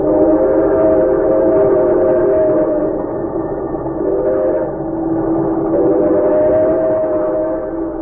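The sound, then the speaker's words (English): A fast express train runs on rails, a loud, steady rumble with sustained droning tones that hold for the full eight seconds, swelling slightly at intervals. No one speaks. “He might have understood could he have overheard a conversation taking place at that moment in the parlor car of a fast express.”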